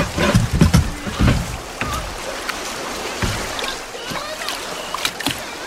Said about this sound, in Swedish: Men Albert hann inte svara, för i detsamma for tunnan ner för ett litet vattenfall.